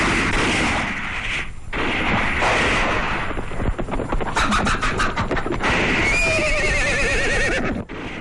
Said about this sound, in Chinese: 外面传来枪声，鬼子来了。